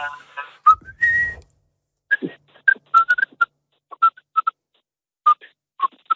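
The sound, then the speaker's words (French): Someone whistles a short, choppy tune: a held note, then a run of quick, separate chirpy notes with brief gaps between them, with no talking over it. “Qu'est-ce que tu nous siffles un petit truc, vite fait?”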